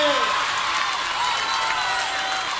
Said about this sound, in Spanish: un aplauso bien fuerte.